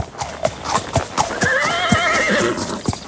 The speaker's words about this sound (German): hört ihr das Pferdewiehern in der nächsten Stunde nach 8 hier bei Radio Mülheim